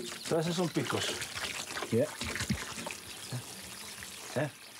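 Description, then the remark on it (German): Water is poured off in a steady, splashing stream that runs for the whole clip, with a voice talking over it, as harvested cactus fruits on a farm are washed and drained to remove their small spines. “wiederholt das Waschen und Abgießen, bis kein Stachel mehr zu sehen ist.”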